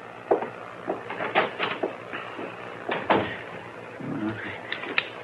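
A door is opened and shut, with a quick series of wooden clicks, knocks and a brief creak spread over a few seconds, and no one speaking.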